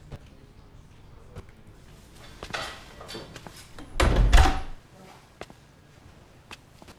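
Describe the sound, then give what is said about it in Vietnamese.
A door is pushed shut with one loud, solid thud midway through, after a softer bump and some shuffling. Faint clicks and room noise fill the otherwise quiet space. “Mau đóng cửa lại.”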